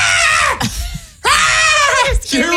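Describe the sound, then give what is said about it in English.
A person loudly imitates a screaming goat, two strained, bleating shrieks with wavering pitch, separated by a brief pause. “Were you doing the screaming goat?”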